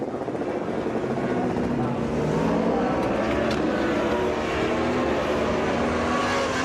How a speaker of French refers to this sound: C'est toujours une entrée, un peu de sortie des stands un peu délicates. Quand vous arrivez, surtout sur le mouillé comme ça, il n'y a qu'une trajectoire, qu'il y a une moto qui sort des stands, c'est toujours un petit peu piégeux.